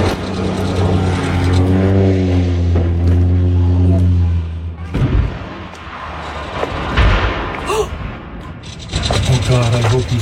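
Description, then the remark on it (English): A de Havilland Otter float plane's engine drones with a steady, loud hum as the plane veers left during an attempted emergency landing, then cuts off abruptly as it crashes into a rock, followed by scraping, rumbling noise and indistinct voices. “And until he realizes the pilot was struggling to stay in the air, then the plane veered left, and you can hear the impact on a rock.”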